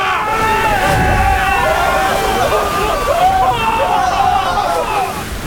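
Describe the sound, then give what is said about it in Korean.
Heavy seawater from great waves striking the ship's deck again and again at sea, surging and sloshing in a loud, continuous roar, with a confused murmur of many voices running underneath throughout. “파도가 두 차례 더 갑판 위를 강타하였다.”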